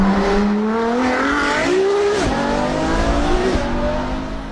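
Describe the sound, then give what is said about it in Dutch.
A loud Ferrari sports car engine roars steadily, its harmonic whine rising and dipping as it revs and shifts gears, with no talking over it. “En bij Ferrari is het dan ook de vraag hoe die wagen gaat klinken.”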